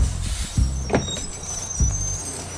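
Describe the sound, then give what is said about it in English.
A tour bus pulls over to stop in a red light district, its low engine drone broken by a few soft thumps and a high, thin brake squeal while it slows to a stop. “Yo, driver, is that the red light district there? Yeah, it sure is. Stop the bus, man.”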